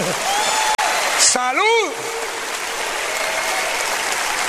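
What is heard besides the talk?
audience applauding loudly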